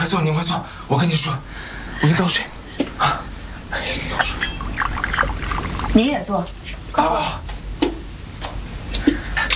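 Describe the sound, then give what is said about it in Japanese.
Water pours into a cup in a steady trickle, poured for a visitor, while voices talk over it and nearly cover the liquid sound. “哎呦，你快坐，我跟你说，我给你倒水。”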